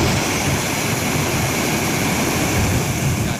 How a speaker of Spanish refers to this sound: Por la tarde, en Celadas, las fuertes lluvias se dejaron notar y el municipio recupera ahora la normalidad después de la fuerte tormenta de ayer. Así sonaba la gran tromba de agua.